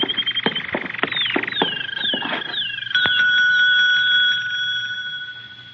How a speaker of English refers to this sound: There's a bell over on the desk. It might be a help.